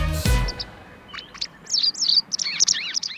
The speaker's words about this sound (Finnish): Kyllä, vain siinä lauloi lintu